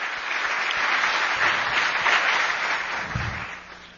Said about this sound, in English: Karen Pence is here, by the way, if you want to give her a round of applause. She worked her heart out for the country.